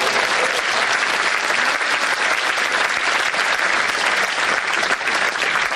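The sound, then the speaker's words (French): An audience applauds steadily, a dense, even wash of many hands clapping that stays loud and unbroken for the whole stretch, with no voices standing out. The applause honours a priest of the diocese of Autun and Paray-le-Monial who is marking 40 years. “Applaudissements”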